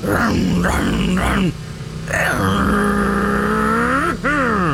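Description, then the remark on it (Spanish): A voice imitates a man revving a motorcycle: three quick throaty revs, a short pause, then a long rising engine drone that dips briefly and climbs again. “Imagínense al compadre, pero pisándole a la moto.”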